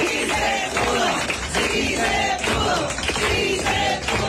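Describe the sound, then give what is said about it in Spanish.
An audience applauds loudly and steadily for the doctors, nurses and IMSS medical team, a dense wash of clapping mixed with cheering and shouting voices that rise and fall throughout. “Así como se está dando ese aplauso, porque efectivamente además de todo lo que nos dan con su sabiduría, con su entrega, con su dedicación, con su amor, médicos, enfermeras, todo un equipo médico, además los del IMSS,”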